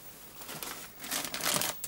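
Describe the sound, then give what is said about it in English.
Crumpled paper rustles and crinkles in a waste paper basket, a busy crackling that swells in two bursts over a couple of seconds, with no voices. “Here it is, in the waste paper basket.”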